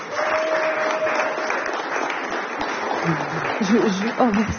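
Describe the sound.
An audience at a live jazz radio broadcast in Tourcoing applauds with a dense, steady patter of clapping that holds at an even level throughout. Toward the end, a man's voice begins speaking over the continuing applause.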